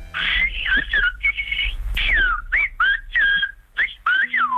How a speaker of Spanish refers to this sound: Es uno de los lenguajes más singulares del mundo y podemos presumir de que sea patrimonio de nuestro país. El silbo gomero lleva siglos salvando las distancias entre las montañas de la isla canaria.